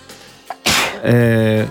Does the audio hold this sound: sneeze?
yes